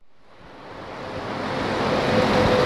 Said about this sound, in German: Ein grosses, hellgraues Sandsteinkreuz. Nebendran Verkehr, rundum ist es laut.